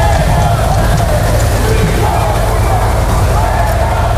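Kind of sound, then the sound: crowd, crowd whistling and booing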